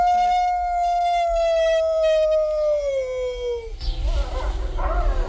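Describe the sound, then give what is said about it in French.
A single long wolf howl rings out loud, holding a steady tone before sliding gradually lower, then breaks off into a rough, rushing background noise. “Oh, on a de la chanson.”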